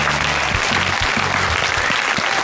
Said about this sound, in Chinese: 那另外现场呢，还有来自各个俱乐部的朋友们，同样把掌声送给他们。